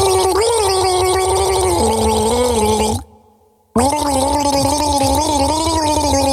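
Someone gargles a melody for a song-guessing quiz, played a second time: a bubbly, rattling throat sound carrying a wavering tune in two long phrases separated by a brief pause of near silence.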